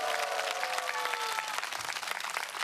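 Sustained applause from an audience, a dense steady wash of many hands clapping, with a few faint whoops or tonal cries rising over it near the start.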